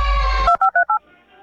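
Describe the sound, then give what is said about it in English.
A steady telephone tone cuts off, followed by four quick, evenly spaced keypad dialing beeps, each a clear two-note electronic chirp, then a faint low hum. “pick up the phone, please.”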